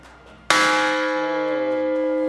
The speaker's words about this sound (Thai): ตรงนี้เป็นระฆังระเบิดเป็นไฮไลท์สำคัญแห่งจุดหนึ่งของวัดลูกระเบิดสมัยสงครามโลกครั้งที่2นะครับเป็นลูกระเบิดตีทหารฝ่ายสัมพันธมิตรปืนเอามาทิ้งทำลายสถานรถไฟเพื่อสกัดการเดินทางของทหารญี่ปุ่น